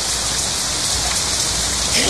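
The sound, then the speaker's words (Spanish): Steady rain patters densely on a hard surface, a continuous hiss of countless drops with no pauses, fairly loud throughout. “Resistente a la lluvia.”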